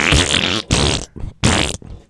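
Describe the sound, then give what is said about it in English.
Three loud, blaring fart noises in quick succession, each a raspy burst lasting about half a second with short gaps between, apparently blown by mouth as a vocal imitation. “But it's not like there's a really funny fart noise, but I can't do it exactly.”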